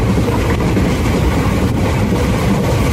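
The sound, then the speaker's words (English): A steam engine train rolls into the railway station in Georgetown, British Guyana, in the 19th century, rumbling steadily and loudly: a dense, continuous roar of engine and rolling wheels with no pauses and no voices. “Just imagine steam engines rolling in and workers calling to each other and passengers gathering with bags in hand.”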